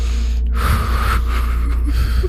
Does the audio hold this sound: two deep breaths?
yes